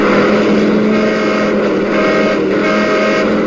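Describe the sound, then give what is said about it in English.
Loud, continuous roar of motor vehicles, a steady engine drone with slight swells as traffic moves past, and no voices. “Yeah, we had to practice dodging traffic.”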